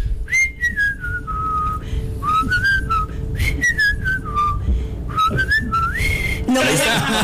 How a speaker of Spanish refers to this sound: ¿vení a chiflar?